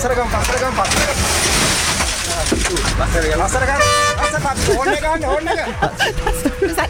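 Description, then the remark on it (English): A loud, brassy elephant trumpet blares out over dense city traffic noise and a murmur of crowd voices in Times Square, New York, with a few shorter harmonic calls following. “Is that traffic? That's actually an elephant.”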